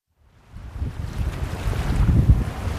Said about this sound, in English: Ah, summer on Cape Cod. Sun, ocean breezes, and plenty of waves.